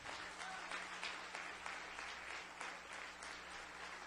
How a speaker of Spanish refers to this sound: Denle un aplauso a los muchachos del centro que ya tienen que salir. Qué pena que me los saquen tan temprano de aquí. Un aplauso más fuerte, hermano.